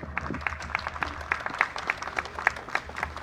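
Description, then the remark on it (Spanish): Audience applause welcoming the Procompite supervisor to read the Procompite 2024 legislative report on competitive processes: a steady run of roughly a dozen evenly spaced claps at a moderate level, crisp and rhythmic, with no talking over it. “Vamos a recibirlo con fuertes aplausos.”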